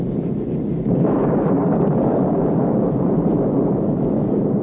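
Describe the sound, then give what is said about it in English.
A deep, continuous rumble of storm thunder, heard from aboard an aircraft in flight, rolls steadily throughout, loud and heavy in the low end, swelling slightly after the first second and never dropping away. No voices are heard. “It was quite a storm, and the pilot announced we were going to climb several thousand feet to get above it.”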